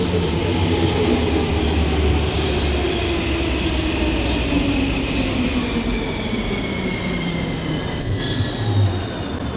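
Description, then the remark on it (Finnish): A metro train arrives and rumbles loudly and steadily along the rails, with rising and falling tonal whines from the motors and a faint wheel squeal, a continuous ride with no voices. “Tuolta näyttää tulevan mun metro.”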